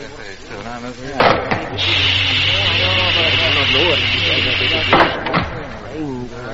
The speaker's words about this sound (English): Meanwhile, Jet's ship had touched down on the nearby landing ground.